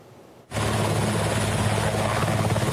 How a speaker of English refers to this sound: Serbia deployed helicopters to battle wildfires for a second day as extreme heat and dry conditions continue to fan the flames across the country's north.